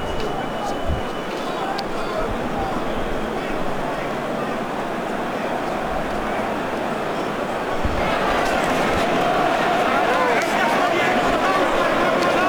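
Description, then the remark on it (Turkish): A dense, steady roar of boxing fans chanting and cheering to spur on both fighters fills the whole clip during the ninth round of the Anthony Joshua versus Vladimir Klitschko bout. It swells noticeably louder for the last few seconds, with a murmur of voices running underneath. “Taraftar tezahüratlarla canlandırmaya çalışıyor her iki boksörü de.”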